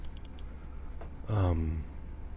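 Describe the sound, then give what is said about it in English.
A few faint, quick clicks of typing and clicking on a computer keyboard, quiet, then a short voiced murmur from someone over a low steady background hum. “Clicking on something and making some things here.”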